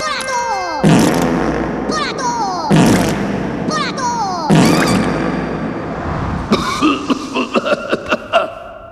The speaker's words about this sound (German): Minions! Die höchste Ehrenbezeugung für Dr. Nefario. Für Ihre langjährigen treuen Dienste feuern wir 21 Furzwellen-Salutschüsse ab.